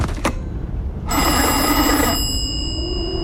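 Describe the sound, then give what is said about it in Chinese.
A click, then a telephone bell rings in one bright, rattling burst of about a second as a call is placed to the weather station, its metallic tone lingering and fading afterward. Fairly loud, with no talking. “给气象站再打个电话。”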